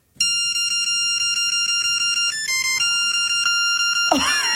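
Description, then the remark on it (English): A bright, synthesized polyphonic ringtone plays a bouncy, catchy 90s pop song melody with steady pulsing chords, loud, ending in a brief warbling flourish. “Oh, I'm going to get some polyphonic ringtones back on my phone now.”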